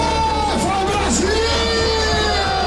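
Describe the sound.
A loud, dense crowd of football fans in a bar cheers and yells nonstop while watching the national team's first half, with overlapping shouts and whoops rising and falling in pitch over a steady roar of voices.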